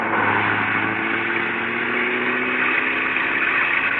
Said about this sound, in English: Stand back, honey. The bus is coming by. Might splash mud on us. He's coming awfully fast for a wet night.